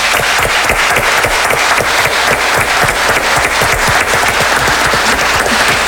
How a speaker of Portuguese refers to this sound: Isso, mais palmas, bem fortinho, bem fortinho.